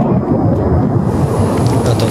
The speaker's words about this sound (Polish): To była silna eksplozja. Na polu na Lubelszczyźnie pozostawiła lej o średnicy 10 metrów. Wybuch było słychać na nagraniu z kamery monitoringu.